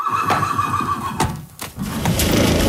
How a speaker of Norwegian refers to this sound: Rett foran meg nå så står det altså en fantastisk nydelig hest. Han brun, brun manke og hvit stripe fram på.